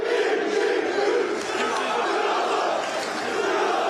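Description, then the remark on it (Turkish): A dense crowd of Trabzonspor football fans at the airport in Trabzon, welcoming Mohamed Salah, chants "Ya Allah, Bismillah, Muhammed Salah" and shouts together in a loud, steady roar, many voices blending into a continuous collective cheer. “Salah'ın üçlü çektirdiği taraftarlar "Ya Allah, Bismillah, Muhammed Salah" tezahüratlarında bulundu.”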